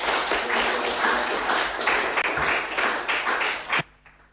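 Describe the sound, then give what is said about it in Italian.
A crowd applauds loudly and steadily, many hands clapping in a dense wash of sound for nearly four seconds before it stops abruptly, leaving quiet; the audience is welcoming Senator Bartolomeo Amidei to the podium for institutional greetings. “quindi è per me un onore invitare per i saluti istituzionali qui sul podio il senatore Bartolomeo Amidei, che accogliamo con un fortissimo applauso.”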